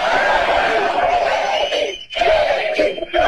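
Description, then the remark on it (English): A large, loud, fired-up rally crowd chants J.D. Vance's name in unison after his speech, voices merging into a dense roar with brief rhythmic breaks between repeated shouts. “I gotta say, it's pretty cool to hear a crowd that is this fired up chant your name. So go ahead and do it again.”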